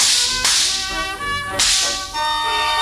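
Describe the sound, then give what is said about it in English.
Two sharp cracks of a whip being flicked by a circus ringmaster split the air about a second apart, each a loud, bright snap over a ringing, busy background, with no talking. “There stood Senor Pepperino, twirling his mustachios and flicking his whip.”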